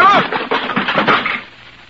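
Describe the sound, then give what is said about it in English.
A wooden chair gives way under someone with a burst of loud cracking and splintering, a quick run of clattering crunches that tapers off into quiet by the end. “Guess you were right, Beasy. My chair wasn't built very strong.”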